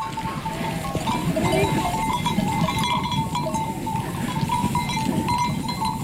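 A herd of sheep or goats being driven back toward its hut by a herder and her dog on summer mountain pastures, with overlapping bleats, a dense shuffle of hooves and bells ringing steadily throughout at a fairly loud, even level.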